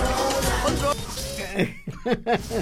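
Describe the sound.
Several short, harsh coughs in quick succession near the end, following a stretch of busy voiced sound, close and moderately loud.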